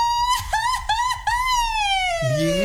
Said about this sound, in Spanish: El grito de los sustos. A ver, venga, grito, okay.